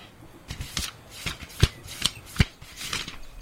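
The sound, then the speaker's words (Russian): Papery rustling as book pages are flipped quickly, a run of crisp flutters with a few sharper snaps in the middle, heard alone without any talking. “Давид зашелестел страницами книги.”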